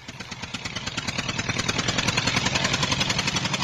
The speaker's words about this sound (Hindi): आ गया ट्रैक्टर। भैया सुनो, तनिक इधर लगा लो, शारदा बहन को बिठाना है ना।